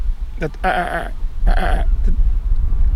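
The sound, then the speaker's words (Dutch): A lesser black-backed gull gives its laughing call: two loud, harsh, nasal bursts flanked by short yelping notes, over a steady low rumble of wind. “Kijk, daar is die kleine mantel daarachter ja, weer. Ja, daar is maar die hoor je.”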